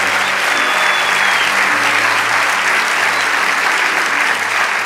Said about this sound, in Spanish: Vamos, dale ese aplauso a ….